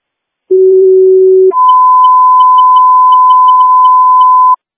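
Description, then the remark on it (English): A loud two-tone fire dispatch radio page, a cancellation page for a fire alarm at a hospital: a steady low tone for about a second, then a higher tone held for around three seconds, clean and electronic with no voices. “St. Louis 2, Cook Fire, cancellation page for the fire alarm at the hospital.”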